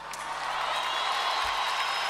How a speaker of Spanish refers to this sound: Quiero que le den un fuerte aplauso, loco.